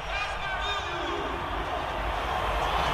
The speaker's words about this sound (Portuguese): Vamos ouvir um pouco da torcida brasileira aqui em Nova York, ó.